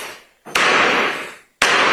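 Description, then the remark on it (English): Two loud, sharp gavel bangs about a second apart in a Superior Court courtroom in Plymouth as people come in, each with a reverberant ring that fades. Forceful, with no voices. “That was a little extra with the gavel as they came into the courtroom.”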